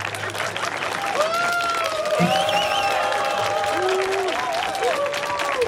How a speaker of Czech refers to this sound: Nechte je zatleskat.